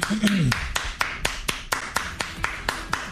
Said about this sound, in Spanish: Bueno, gracias. Déjale aplauso.